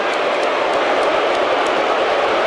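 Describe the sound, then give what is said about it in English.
A large stadium crowd of football fans boos during a stoppage in play at a Gators versus Rebels football game, a loud, dense, unbroken wall of sound that holds steady for the whole moment, with no clear voices standing out. “Fans are booing about that.”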